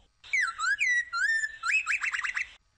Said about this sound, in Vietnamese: Con bắt chước tiếng chim kêu nhé. Chirp. Chirp.